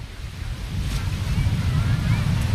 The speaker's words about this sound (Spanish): Hombre, cerca del mar, bueno, como ya sabéis, podéis escuchar el mar, que ahí está ese mar. Ahí, a ver si escucháis un poquito. ¿Hoy se escucha o no?